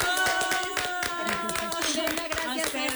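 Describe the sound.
A crowd claps steadily for the full three seconds, a dense patter of many hands, loud and even, with voices calling out and cheering over the applause.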